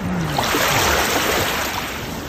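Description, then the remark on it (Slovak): A steady wash of sea water, a continuous surf-like hiss with no distinct breaks between waves, plus a faint low rumble underneath. “Počúvali by ste takéto zvuky mora”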